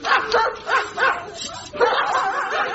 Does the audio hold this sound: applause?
no